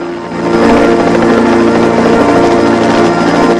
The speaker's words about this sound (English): A helicopter with a spotlight whirs towards the beach, coming in for a landing.